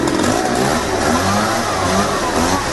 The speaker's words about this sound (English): So police responded and tracked the guy down, but it wasn't a bazooka. It was actually a leaf blower. Yeah, one-man landscaping crew just looking to help people clean up.